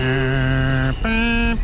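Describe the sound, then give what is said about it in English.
A New York subway departure chime, heard on the platform as the train is about to leave the station, plays three sustained high electronic tones in quick succession, loud, the pitch changing between notes with a brief gap before each, no voices. “And you hear these three pure high tones.”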